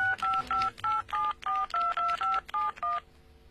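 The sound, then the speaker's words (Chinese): A quick, steady run of about eleven telephone keypad tones as a singer in Shanghai dials her contact, each short dual-pitched beep evenly spaced and clear, with no talking. “他很不高兴，打电话给联系人。”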